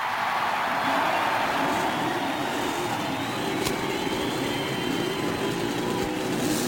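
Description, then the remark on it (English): Several racing car engines, including Buicks, a Cosworth racing engine and a brand new Chevrolet racing engine, restart at Indianapolis Motor Speedway and roar together in a dense, steady wall of sound, a deep rumble beneath a harsh crackling rasp that holds at a constant loud level throughout. “As a cheer goes up and you can hear the cackle of the Cosworth Racing engine. Several Buicks sound out their roar, and that Chevrolet, that brand new Chevrolet racing engine, roars”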